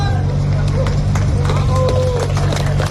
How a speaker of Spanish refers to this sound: Y con aplausos han introducido a la rescatada en la ambulancia.